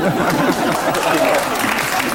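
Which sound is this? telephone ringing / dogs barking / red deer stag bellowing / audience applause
audience applause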